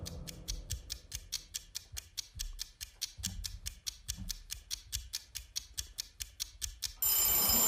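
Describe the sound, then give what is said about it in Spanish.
A rapid, steady ticking from a seven-second countdown timer for a vote runs for about seven seconds, then a vintage bell breaks into a loud, continuous ring as time runs out. No one speaks. “Qué bonito suena el timbre este vintage.”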